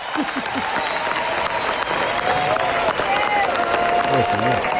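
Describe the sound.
A big stadium crowd gives a sustained ovation, dense applause and cheering roaring steadily at full volume for the whole stretch, with a few voices calling out above the clapping.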